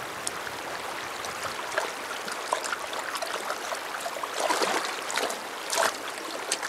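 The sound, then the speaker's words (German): A river flows steadily below rapids, where the water grows calm, a soft continuous wash of water broken by small bubbling trickles and light splashes, with no voices. “Unterhalb der Stromschnellen, wo der Fluss zur Ruhe kommt, trinkt eine Ringelnatter.”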